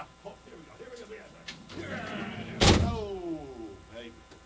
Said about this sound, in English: So I'm going to go. I'm going to go incarcerate myself here. Hey, big ass door. Did you see the big ass door over there? Oh my God.